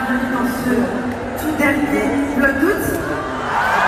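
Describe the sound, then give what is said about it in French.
A packed crowd of 20,000 at the Accor Arena concert for YouTuber Léna Situation roars steadily and loud, with scattered high-pitched screams and whoops rising out of the dense wall of cheering voices. “Foule en délire hier soir dans un accord Arena plein à craquer, venue acclamer l'impératrice de YouTube, Léna Situation.”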